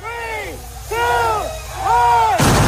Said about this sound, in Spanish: They were cohetes. They were like, well, there was a whole show. You know, obviously they had like the cannons blowing